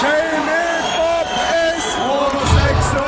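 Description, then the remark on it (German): At a live concert in Vienna, the crowd joins in a mocking chant together in unison, many voices rising and falling in loud, sustained, rhythmic phrases, with a brief low thump and some whooping near the end. “Wie etwa bei diesem Live-Konzert in Wien, bei dem das Publikum den diskriminierenden Spott mitträgt”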